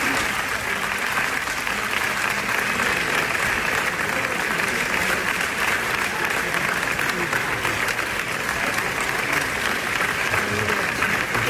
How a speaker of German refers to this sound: Wir möchten euch jetzt mal 13 Sekunden aus diesem Originalapplaus nochmal vorspielen.